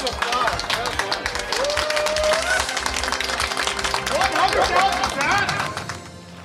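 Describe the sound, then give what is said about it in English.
A crowd bursts into applause, with many hands clapping in a dense, steady patter and some cheering voices mixed in. It holds loud for about six seconds, then fades out. “Hey, round of applause.”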